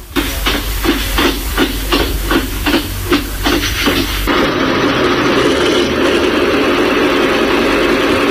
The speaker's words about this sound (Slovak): Máte v ruke tlačidlo, ktorým spravíme čo? S tlačením tlačidla naštartujem lokomotívu a pustí sa pôvodný zvuk štartu tej lokomotívy.